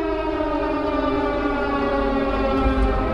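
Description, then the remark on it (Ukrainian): A loud air raid siren in Lviv, Ukraine, sounding the all-clear, holds a steady, harmonic-rich wail whose pitch sags slowly downward across the few seconds, with no voices over it. “Громадяни, відбій повітряної тривоги.”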